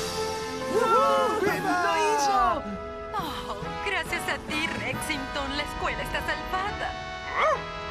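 The dog Rexington, "the dog of the Yukon", barks and yips in a quick, excited string of high, swooping calls, with whiny rising and falling tones mixed in, fairly loud and steady for the whole stretch.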